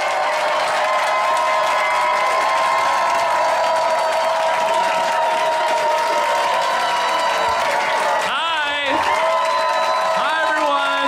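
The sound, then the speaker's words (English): A large comedy show audience applauds and cheers loudly and continuously, with whoops and shouting voices rising above the dense clapping throughout. “Backstage time, the crowd is hot. They love you out there.”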